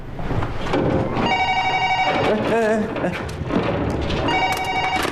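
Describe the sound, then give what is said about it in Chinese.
A telephone rings in two bright, loud, bell-like bursts, separated by a short gap, with voices and background noise mixed underneath. “哎，你电话还用不用？”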